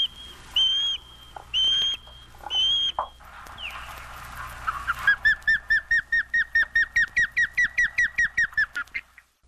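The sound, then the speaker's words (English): Three drawn-out whistled cries, then a fast run of about seventeen sharp, evenly spaced chirps from an osprey, clear, with no voices. “Anyway, evolving or not, or whether we're aware of it or not, the one and only osprey is with us now, thrilling us with its feet-first plunge for fish in the waters of the world.”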